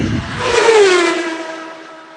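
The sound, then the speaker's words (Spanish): A car engine roars past and pulls away, its pitch dropping as it speeds off and fades out over a couple of seconds. “Que lo atropelló un auto y él se dio a la fuga.”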